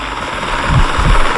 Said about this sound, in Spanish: Un helicóptero. ¿Un qué? Un helicóptero.